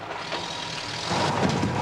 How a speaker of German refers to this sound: Der fährt hier ein Laster da drüben, da sitzt er drin.